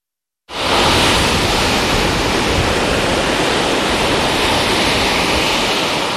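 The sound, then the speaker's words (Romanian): A loud, steady roar of rough surf on an agitated sea with strong currents fills the whole stretch after a brief silent start, a dense wash of breaking waves with no pauses and no voices. “Inconștiența turiștilor intrați în Marea Agitată face primele victime din sezon”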